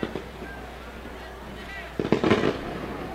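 Fireworks set off from the Canaries Field pop and crackle in an irregular burst during a football game at Howard Field, a sharp report near the start and a denser cluster of bangs toward the end, over a steady outdoor background hum.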